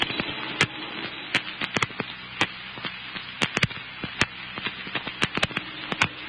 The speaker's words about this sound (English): That big cannon house at the end of the block. Well, I'll never be able to save that. It's going up like tinder.